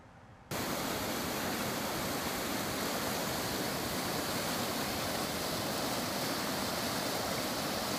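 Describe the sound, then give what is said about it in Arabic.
A steady, dense rush of flowing water, like a swollen river surging past, starting abruptly after a brief quiet moment and holding constant with no voices. The Euphrates River at a rising water level in Deir ez-Zor province, Syria. “التقت كاميرا تلفزيون سوريا بالدكتور فايز عباس رئيس لجنة الاستجابة الطارئة في محافظة دير الزور، وذلك للحديث عن تداعيات ارتفاع منسوب نهر الفرات والتحذيرات التي أطلقتها الجهات المعنية والإجراءات المتخذة للتعامل مع أي طارئ.”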